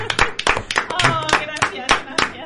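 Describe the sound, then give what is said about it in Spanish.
Sharp hand claps repeat at a steady, quick pace, roughly eight of them over a couple of seconds, while a voice talks or laughs along underneath. “Aplaudirte a ti misma.”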